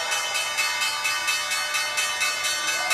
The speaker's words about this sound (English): All right, so we are waiting on the opening bell. That is it.